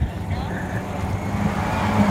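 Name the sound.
rally car engine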